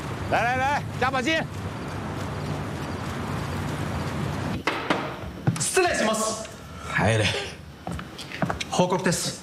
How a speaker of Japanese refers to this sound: 可这里风大浪大的，你还生个病呢？